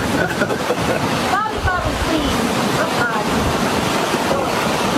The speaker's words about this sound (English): Look at, they're right on the ocean, too. They got waves crashing there. They're right on the ocean.